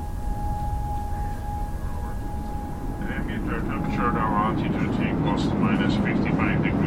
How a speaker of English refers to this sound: plane nearby sound, airspace over Hungary flight info update